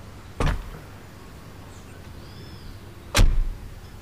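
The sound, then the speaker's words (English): Two solid car door thuds, one near the start and another about three seconds later, with a faint rustle of someone settling in between and a low engine-like rumble underneath. “Just get in the car and I will drop you home.”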